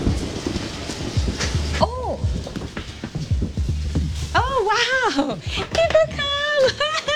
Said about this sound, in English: But unfortunately, it's raining right now. We'll see what happens.